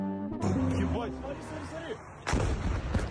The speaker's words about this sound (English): A Ukrainian drone explodes yesterday over 60 miles into Russian territory in video footage shared on Telegram and verified by Al Jazeera.